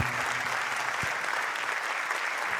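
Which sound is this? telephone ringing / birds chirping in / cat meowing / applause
applause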